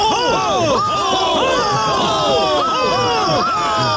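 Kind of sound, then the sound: crowd, crowd cheering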